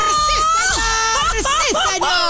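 A loud Mexican grito by a female radio host from Guadalajara, Jalisco, Mexico: a run of high, swooping yells and whoops that rise and fall in pitch, repeating over about two seconds with no talking.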